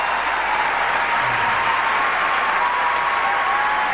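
A crowd applauds steadily, a dense wash of clapping hands that holds at an even, loud level for the full four seconds with no voices over it.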